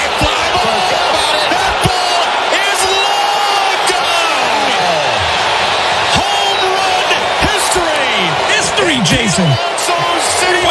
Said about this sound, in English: Cheering. Wow. That's what the fans came to see.